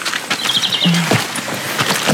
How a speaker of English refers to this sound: We're walking through here into Dr. Lamb's orchard and we can hear all the birds.